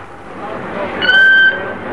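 A killer whale named Ramu, packed into a crate of ice and foam rubber for transport, lets out a single shrill, steady squealing call lasting about half a second, loud, rising above a constant rumble of background noise.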